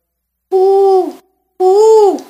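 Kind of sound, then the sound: bird, owl hooting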